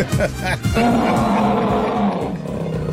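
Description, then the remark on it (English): On a Fox Sports Radio show, a person providing his own sound effects imitates an elephant with one loud, drawn-out roaring trumpet call lasting a couple of seconds. The call is rough and strained, with background noise around it. “What was that? It sounded more like an elephant.”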